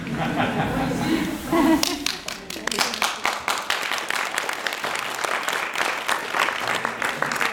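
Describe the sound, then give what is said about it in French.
A voice speaks briefly, introducing a performance act that combines unicycle, guitar and juggling, then an audience breaks into steady applause: many hands clapping in a dense, crackling patter that holds at a moderately loud level to the end. “qui vont nous présenter un numéro contenant du monocycle, de la guitare et du jonglage, tout ça à la fois, et on peut les applaudir, mais pas tout de suite, parce qu'ils sont en train de ranger là.”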